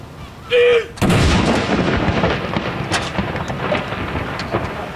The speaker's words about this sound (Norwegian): Andre kanon!